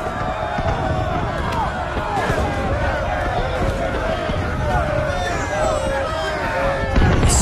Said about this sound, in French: Je vois, ici, à Dinan, dans l'impasse du Couret, une foule qui crie, des gens qui fuient en panique, des mères portant des enfants pleurent, des hommes chargés de tout ce qu'ils ont pu embarquer à la hâte, et là, un vieillard trébuche.